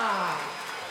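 A concert crowd applauding, a dense, steady wash of clapping that thins slightly toward the end, with a shouting voice briefly audible over it.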